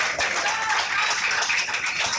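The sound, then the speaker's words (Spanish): An audience applauds Christ, many hands clapping in a dense, continuous wash of sound that stays fairly loud and even throughout, with no one speaking over it. “Fuerte aplauso a Cristo, hermanos.”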